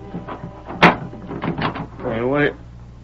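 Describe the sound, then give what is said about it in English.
A door is opened: a sharp latch clack, then a brief pause and a wavering, drawn-out creak as it swings, with faint murmuring in the background. “Open the door, please.”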